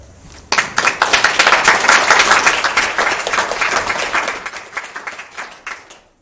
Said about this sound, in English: let's give another round of applause for Jitji for such a good message